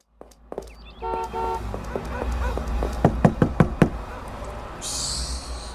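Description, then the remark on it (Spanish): Five firm, closely spaced knocks on a door ring out clearly over a steady background hum, after a couple of short honking toots earlier on. “Mira, avanza a abrir la puerta.”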